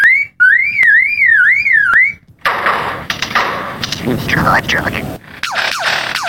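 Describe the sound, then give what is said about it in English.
A lyrebird mimicking mechanical noises, including the click of a camera: a high, wavering alarm-like tone punctuated by sharp clicks, followed by loud bursts of harsh, rattling, gunfire-like chatter and quick whistled sweeps. “The lyrebird is one of the best of all bird mimics. But it is that ability to mimic isn't simply limited to other birds.”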